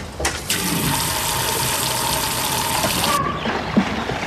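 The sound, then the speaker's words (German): Water gushes steadily into an inflated paddling pool in a garden, a loud, continuous rush lasting a few seconds before cutting off abruptly, followed by faint trickling. No one speaks. “Nun steht es aufgeblasen und mit Wasser gefüllt im Garten.”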